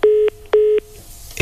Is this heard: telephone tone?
yes